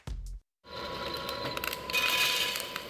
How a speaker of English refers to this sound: That sound? That's coffee being roasted right now. Today is Roast Day at Central Coast Coffee Roasters. Fresh batches dialed in, ready within hours.